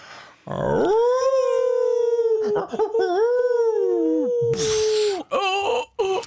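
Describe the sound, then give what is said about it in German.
Two radio hosts imitate a wolf's howl with their voices, a long sustained wavering cry rising and falling, loud, with the second voice joining and overlapping near the end in short howling bursts. “Achtung, wir machen nämlich hier unsere Effekte noch selber.”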